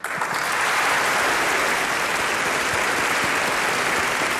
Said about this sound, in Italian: Beh, anche noi stiamo applaudendo qui in studio, insomma. Sì, ma che bello.